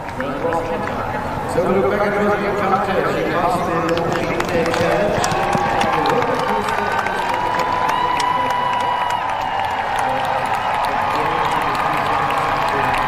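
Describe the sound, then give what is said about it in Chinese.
A large crowd of spectators at an equestrian cross-country competition cheers and claps continuously for about thirteen seconds, a loud, dense wash of overlapping voices and applause that swells slightly after the first couple of seconds. “可以看到现场观众的热情和激动。”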